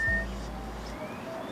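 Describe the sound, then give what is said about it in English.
Thin, faint whistled lesser goldfinch calls, one steady and one slowly rising, float over a low engine-like rumble that fades out partway through. “Pitasilgo. Pitasilgo.”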